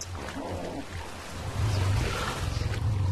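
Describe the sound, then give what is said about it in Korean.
A lion surrounded by a herd of hippos in a river gives a deep, rumbling growl that rolls low and steady, swelling louder partway through and pulsing for the last couple of seconds over a wash of splashing water and background noise. “으르렁거리는 소리는 꽤 위협적이지만 사자란 성체 하마라면 사자 한 마리쯤은 가볍게 물리칠 수 있죠.”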